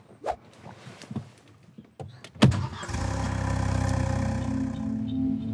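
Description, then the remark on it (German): A car engine with its exhaust blocked by a potato starts up: a few scattered clicks and knocks, a sudden loud burst as it catches, then a steady, rumbling idle that holds to the end. “Klassiker, Kartoffel im Auspuff.”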